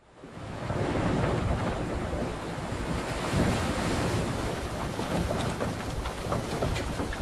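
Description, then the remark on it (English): A steady, full roar of ocean waves and gusting wind at sea over the Pacific on a fair, fresh morning, swelling and washing continuously with no pauses and no voices. “On the third day of the chase for Moby Dick, the morning dawned fair and fresh over the Pacific.”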